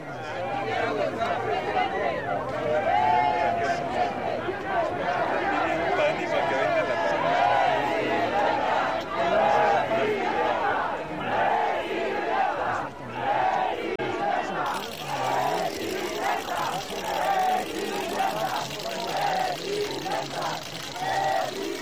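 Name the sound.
crowd shouting chants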